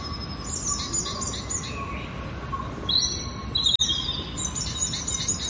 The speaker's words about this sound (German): Schön die Vögel zwitschern und da ist auch eine Quelle und hier ein kleiner Bach.